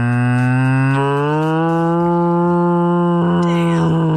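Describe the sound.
A person imitates a cow's moo with one long, loud, sustained low-pitched call that rises slightly and holds steady for about four seconds before breaking off at the end.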